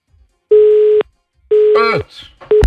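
A telephone line on a listener call to Radio Valentina gives out a steady mid-pitched beeping tone in regular half-second pulses, three in a row, with a brief voice speaking over the second beep.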